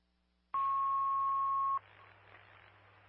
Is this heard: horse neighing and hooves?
no